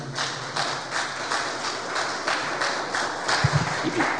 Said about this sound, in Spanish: Después de un fuerte aplauso al Señor.